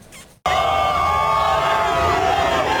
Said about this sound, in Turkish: Tezahüratlar yapıldı, meşaleler yakıldı. Türk bayrağı dalgalandırıldı. A milli takım Dünya Kupası'ndaki ilk maçı öncesi kalacakları otelde coşkuyla karşılandı.